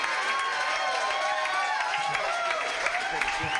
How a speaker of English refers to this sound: How about a big round of applause for bass hitter over here on the bass tonight?